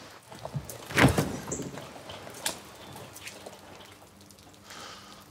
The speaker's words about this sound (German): Mach die scheiß Tür auf, da.